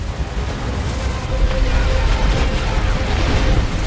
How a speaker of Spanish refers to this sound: El helicóptero vuela por encima del recinto con Natasha colgando debajo de él. Las explosiones que se producen abajo sacuden el helicóptero, mientras el muro de nieve se acerca rápidamente a la prisión.